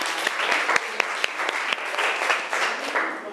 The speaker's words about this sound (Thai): ขอเสียงปรบมือดังๆให้ตัวแทนจากกลุ่มที่3